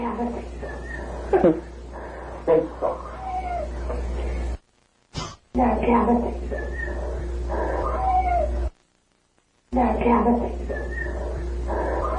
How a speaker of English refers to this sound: And this voice comes in and says, nap cat, and there's a whistle and a meow.